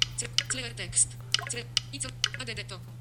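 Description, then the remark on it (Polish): Several sharp key presses on a hardware computer keyboard, including the Enter key, spaced irregularly, clicking through steady conversation as a person talks over a low electrical hum. “Z klawiatury ten Enter różnie działa sprzętowej, niestety.”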